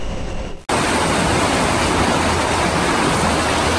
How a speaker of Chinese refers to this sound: 洪水淹没了兰科多个区域，航拍画面显示，上涨的河水漫入房屋和周边地带，部分居民受困。